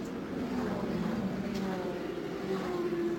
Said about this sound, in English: And so the pace car leads the field slowly down through here as most of those who were running up front have made pit stops.